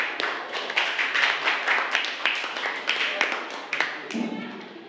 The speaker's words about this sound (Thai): จะเป็นตัวแทนจากกลุ่มที่3ค่ะขอเสียงปรบมือให้กับตัวแทนจากกลุ่มที่3ด้วยค่ะ